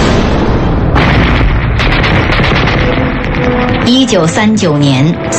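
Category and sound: impact, gunfire sound effect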